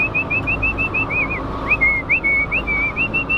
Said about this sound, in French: On toque à la porte, et puis après on avertit de notre présence. Elles nous reconnaissent, hein, elles reconnaissent les visages. Le fait que je sois là, vous n'avez pas un coup de sifflet différent? Non, pas du tout, non.